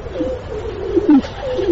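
Several pigeons coo together in soft, overlapping throaty warbles that rise and fall continuously, moderately loud, with no talking.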